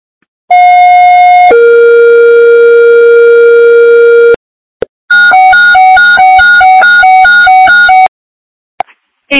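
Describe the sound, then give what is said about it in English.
Fire dispatch alert tones for East Fire: a steady electronic tone shifts to a lower held tone for a few seconds, then a loud, rapid warbling tone alternates between pitches before cutting off. No voices. “East Fire, stand by for tones.”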